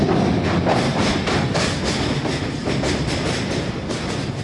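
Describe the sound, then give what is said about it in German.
A Rocky Mountaineer passenger train rolls along the tracks at an unhurried pace, averaging about 50 kilometres per hour, its steady rumble broken by a regular clickety-clack of wheels over rail joints, loud with no voices. “Der Zug fährt mit durchschnittlich etwa 50 Kilometern pro Stunde, damit die Gäste mit ihren Digitalkameras aus allen Blickwinkeln die Landschaft fotografieren können.”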